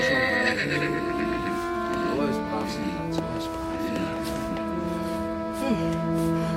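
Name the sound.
horse whinnying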